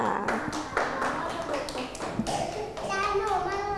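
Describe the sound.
Children in a class clap their hands in a brisk, uneven patter of sharp claps, applauding a classmate at their teacher's request, while high-pitched young voices chatter and call out over the applause.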